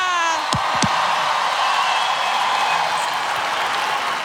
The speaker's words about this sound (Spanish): Fuerte el aplauso para el caballero de la salsa